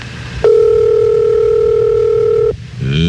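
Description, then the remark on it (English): A steady, loud telephone dial tone hums continuously for about two seconds, then cuts off abruptly, followed by a brief burst of rising tones at the end. “And now she's waddling her way to the phone.”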